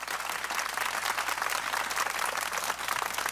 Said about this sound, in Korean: 여러분 뜨거운 박수 보내주시기 바랍니다.